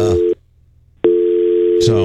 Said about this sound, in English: Oh, you don't hear that? I don't hear anything. Yeah, yeah, we hear the dial tone. Tone in my ear.